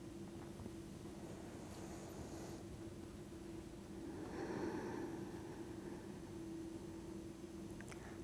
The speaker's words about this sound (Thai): ไปเป็นการกางแขนนะคะกางแขนขึ้นหายใจเข้าทางจมูกลึกๆแขนลงหายใจออกยาวๆ1ค่ะ